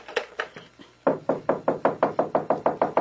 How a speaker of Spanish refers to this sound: Voy a colgar porque están llamando a mi puerta.